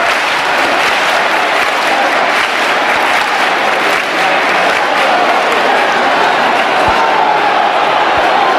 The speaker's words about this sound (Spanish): aquí todo el mundo con la emoción desbordada, los aplausos para recibir al sin pecado y para que dé inicio la procesión de la Virgen del Rocío, con cientos de miles de personas en esta aldea. Escuchamos las palmas también para recibir al sin pecado.